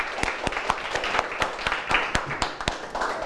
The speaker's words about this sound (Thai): ปรบมือกับทั้งสองกลุ่มเลยนะครับ